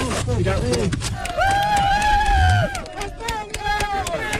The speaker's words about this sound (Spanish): España, gritaban las fuerzas especiales de Colombia, El Salvador, México y, por supuesto, la UME, lo han vuelto a hacer, poner un poco de esperanza en estos momentos tan difíciles.